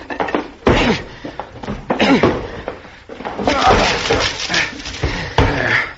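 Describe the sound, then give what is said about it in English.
A man and his son force the locked door of a room in a house: three heavy, booming slams land a couple of seconds apart, each with a wooden crack, over a busy background of voices and commotion. “Door's locked, son. I'll have to break it in.”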